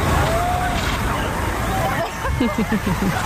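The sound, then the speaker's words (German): A steady, fairly loud hiss of a water cannon in Berlin spraying clean water mist over a pavement onto a lawn to cool people off, with the murmur of a crowd throughout and voices chattering toward the end. “In Berlin gab es sogar eine Abkühlung aus dem Wasserwerfer.”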